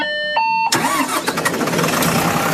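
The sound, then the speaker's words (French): A short two-tone electronic chime, then a bus engine turns over and runs loud and rough, with hissing and clattering on top of the steady rumble, as a woman tries to parallel park the bus. “elle tente de faire un créneau, Patricia Farah, avec ce bus”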